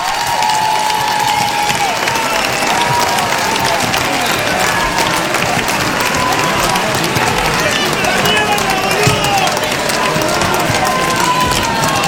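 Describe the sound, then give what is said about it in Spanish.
A crowd claps loudly and steadily for about twelve seconds, a dense, continuous wash of applause with faint voices and cheers mixed in. “Aplauso para ellos.”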